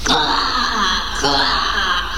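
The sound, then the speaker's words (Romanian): A human voice imitates a big, fat crow cawing, with two harsh, drawn-out caws, loud, each a raspy nasal cry with no other talking around them. “Da, un fermier și o cioară mare și grasă s-a cocoțat pe umărul meu și a croncănit așa.”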